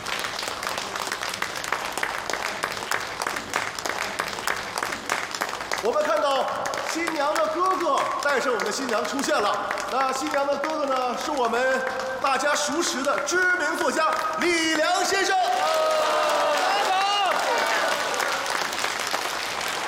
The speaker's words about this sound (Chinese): 让我们以最热烈的掌声再次欢迎新娘的父亲登场。